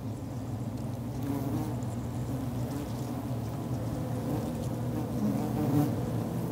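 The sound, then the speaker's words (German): A dense, steady hum of many honeybees buzzing close together inside their hive, where foragers unload pollen, a continuous low drone with slight swells in intensity, heard alone without any voices. “In der Höhle angekommen, streifen die Sammlerinnen den Pollen ab.”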